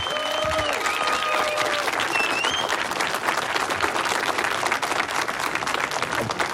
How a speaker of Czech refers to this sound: zasloužej si teda za ten výkon potom velký potlesk a pěkný přivítání od nás všech. Můžeme to teď natrénovat, zkusme, oni nás tak neuslyší, ale posluchači ano, aby věděli, jaká je tady atmosféra.